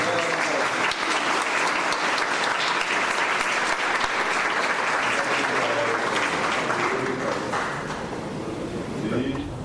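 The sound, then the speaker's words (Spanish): Loud, sustained applause from an audience at an event with the President of the Republic, welcoming the rector of the Universidad Nacional de Concepción: a dense crackle of many hands clapping steadily for nearly ten seconds, tapering only slightly toward the end. “Fuertes aplausos, señoras y señores.”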